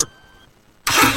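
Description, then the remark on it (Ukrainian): A car engine fires up and revs loudly after a moment of near silence, the roar coming in suddenly, with no voices. “Газуємо!”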